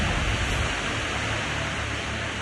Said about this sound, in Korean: 하지만 폭포 물 떨어지는 소리가 워낙 커서 수막 바로 앞까지 친구들이 왔는데도 제 호루라기 소리를 못 들었죠.